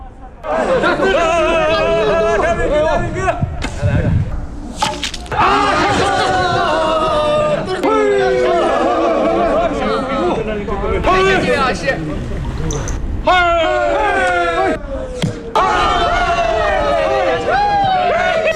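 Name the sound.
crowd cheering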